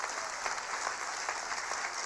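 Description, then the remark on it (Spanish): Audience applause, a steady dense patter of many hands clapping at once, moderately loud and continuous without pause, with no voices standing out above it. “Vamos, aplauda más fuerte porque esto tiene sentido.”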